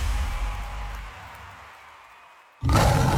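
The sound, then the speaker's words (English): A big cat's deep, rumbling roar trails off into a brief silence, then another loud, rough roar bursts in abruptly. “See a lion or tiger eyeballing you at your bedroom window.”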